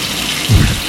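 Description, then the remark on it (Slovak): Shower water runs in a steady, hissing spray, with a brief low splash or thump partway through; the moment is short, with no voices. “Sprchujete sa večer pred spaním alebo ráno pred prácou?”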